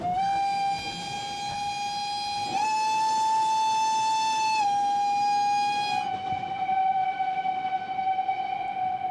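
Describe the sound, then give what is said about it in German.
A steam train's whistle blows in one long, loud, sustained blast that shifts pitch slightly partway through, over a steady rumble of the moving train. “Die Fahrt mit dem Dampfzug löst Gefühle aus.”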